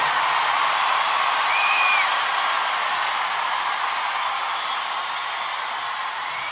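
Steady, dense applause from a large crowd fills the whole stretch, loud and continuous, with a brief rising whistle cutting through near the start before the clapping slowly eases.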